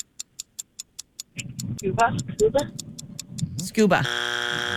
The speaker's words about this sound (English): SCUBA. Oh. Oh, no. That's our buzzer, ladies.